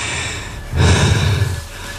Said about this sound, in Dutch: Sorry, ik hijg ook heel erg.